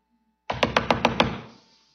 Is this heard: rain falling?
no